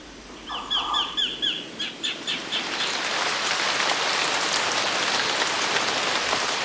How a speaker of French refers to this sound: Dans les pays tropicaux, quand il pleut vraiment.